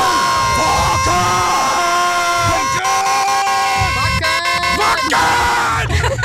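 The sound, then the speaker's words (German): A loud, chaotic mix of a crowd chanting "Wacken!" and shouting in rhythmic bursts, layered with blaring horn-like tones and sliding pitched sounds, forming a raucous Wacken festival wake-up jingle, the "Wackenwecker" alarm clock, that never lets up. “hat zum Beispiel das hier für euch kreiert, falls ihr noch einen guten Wecker braucht. Der Wackenwecker.”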